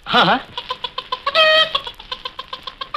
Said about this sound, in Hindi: हाँ क्या मुर्गी? हाँ पकड़ लाओ मुर्गी. हाँ ये तो मेरे बाएं हाथ का काम है. अभी पकड़.